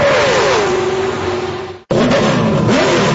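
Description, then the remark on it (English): A loud NASCAR race car engine revs up and roars, its pitch rising and falling, then cuts out briefly before another engine roar surges back in at full volume. “Ready to rev your engines, NASCAR fans.”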